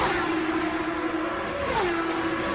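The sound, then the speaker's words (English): Race car engines on an oval track, with Scott Goodyear's car leading just ahead of Scott Pruett, drone steadily at a high, sustained pitch, then the tone drops sharply as the cars drift off turn four, loud and continuous with no voices. “Now Goodyear into turn number four, putting the tires right on the white line and drifting off the corner.”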